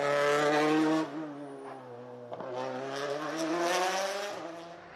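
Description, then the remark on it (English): A Toyota rally car engine at Rally Japan roars hard and loud, its pitch climbing and dropping sharply three times as the driver lifts off and accelerates again between gear changes, with no voices. “That's what a Toyota on form should look and sound like as we join Takamoto Katsuta.”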